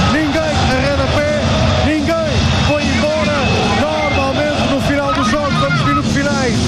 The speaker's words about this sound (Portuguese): Terminou o hino, acendem-se as luzes outra vez no Estádio do Dragão, grita-se campeão, campeão, o Porto é campeão.